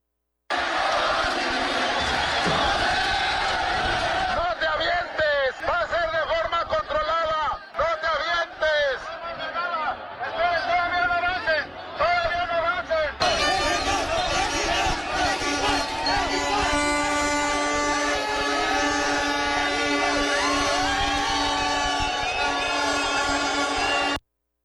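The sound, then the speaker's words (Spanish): A loud, dense crowd of national football team fans celebrating the World Cup in the street at the Ángel de la Independencia, with shouting, chanting and cheering throughout; about halfway in, steady blaring horn tones join the din and persist to the end. “Todo un ambiente festivo fue el que se vivió en el Ángel de la Independencia”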